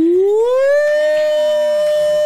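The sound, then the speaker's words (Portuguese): A voice imitates a factory whistle: one loud, sustained hoot that slides upward in pitch, then holds a steady siren-like tone for about two seconds, with no other talking. “Parece o apito da Aurora.”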